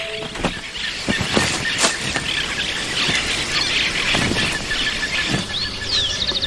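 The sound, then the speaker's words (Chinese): Monk parakeets squawk in a steady, overlapping racket of harsh, high-pitched screeches and chatter, loud and continuous throughout with no voices. “和尚鹦鹉这招很高明，因为罗警官会赶走所有潜在的捕食者，这样他们的巢穴也安全了。”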